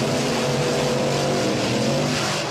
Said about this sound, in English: So you need to guess, is that a monster truck, a.k.a. the Beast, or is it Bust? And it was indeed the Beast. Yes, that was a monster truck, and congratulations.